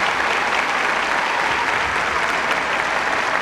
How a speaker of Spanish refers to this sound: Otro aplauso bien grande para Alfonso, por favor.